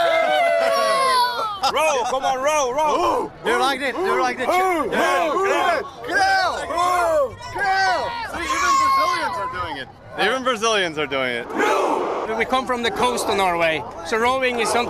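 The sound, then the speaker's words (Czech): A crowd of Norwegian football fans, joined by passing Brazilian fans, shouts a loud Viking war chant, many voices overlapping in rising and falling cries that carry on steadily without a pause. “On sám je toho důkazem a k vikingskému pokřiku se nechávají strhnout dokonce i kolem jdoucí brazilští fanoušci.”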